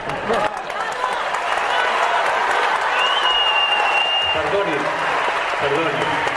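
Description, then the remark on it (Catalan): An audience at a show applauds steadily, dense overlapping clapping filling the whole stretch at a constant loud level, with a thin high whistle rising briefly above it midway. “El despiste és general, és a dir, que no aplaudeixi, no aplaudeixi.”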